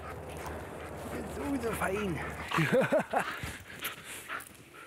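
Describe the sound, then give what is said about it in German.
A playful, friendly female dog whimpers in a string of high, rising-and-falling whines, then lets out several quick playful yips, with a low steady hum underneath the first half. “ist nichts weiter als ein verspielter, freundlicher Hund.”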